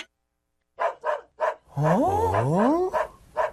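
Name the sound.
dog barking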